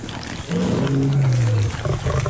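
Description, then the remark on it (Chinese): A lion walking toward someone from not far away lets out a deep, drawn-out roar lasting about a second, loud, over a low rumbling outdoor background. “冷风看着不远处有狮子正向自己走来”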